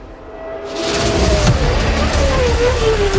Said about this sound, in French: Son moteur vrombit comme aucun autre. Un cheval noir se cambre à son avant-poste. Ferrari.